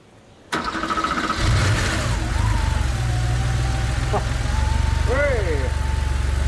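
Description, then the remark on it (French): A 3.2-litre car engine, fitted with a new fuel pump, is started: it cranks with a sudden burst of noise, then catches and settles into a loud, steady low rumble that keeps running with a faint whine over it. “Le moteur tourne.”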